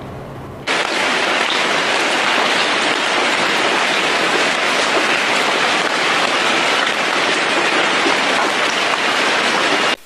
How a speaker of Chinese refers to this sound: 老师，我认为视频中是大雨。 很好，同学做出了自己的判断，他认为视频中是大雨。那你的判断依据是什么呢？ 视频中的雨非常密，也非常急。我通过日常的经验觉得，这种下雨的情况是我们常说的大雨。